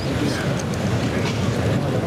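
The heavy protective padding (peto) of a picador's horse at a bullfight shifting and rustling as the horse steps back, during the pic of the second bull, Birlador, with Sergio Molina mounted. A continuous muffled scraping texture over a low rumble, holding at a steady, fairly loud level throughout.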